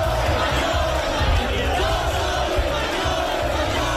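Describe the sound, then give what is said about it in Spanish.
A dense crowd of far-right ultras with Spanish flags chants and shouts insults in unison at a protest camp for decent housing in Puerta del Sol, loud and continuous, with rhythmic bursts of yelling and aggressive group cries over steady background roar. “Un grupo de ultras ha irrumpido en la acampada por una vivienda digna con banderas de España, provocando, increpando, haciendo saludos nazis e insultando a los acampados.”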